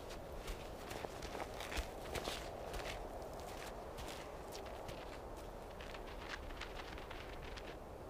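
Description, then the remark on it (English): Soft, crunching footsteps of a fox pad across snow where bison have dug for grass, in an irregular rhythm, each step a brief crisp burst over a steady low hiss, with no voices, as the fox stalks a moving target. “Every footstep counts.”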